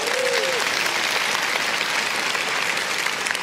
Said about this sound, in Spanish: Muchas gracias, un aplauso fuerte a esa familia.